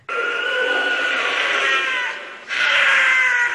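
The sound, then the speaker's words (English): A wild cat's harsh, scream-like mating call in two long, strained wails, loud and raspy with a high, wavering pitch, the second rising abruptly after a brief dip. No talking. “The most remarkable thing about them, I think, is the scream. Well, some people think it sounds like a woman screaming.”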